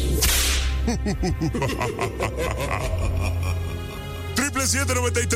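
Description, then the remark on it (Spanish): A sharp, loud whip crack snaps at the start and another near the end, among whip lashes and paddle smacks given as a punishment, while excited voices shout and yelp in between over a steady low hum. “Bueno, si tú lo quieres nada más porque te gusta, ahí están los latigazos y los tablazos, carnal.”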